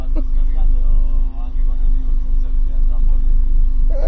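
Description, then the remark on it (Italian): A steady low rumble of car engines idling throughout, with a constant droning hum and people talking over it. “Ah, perché c'è le macchine per accese allora?”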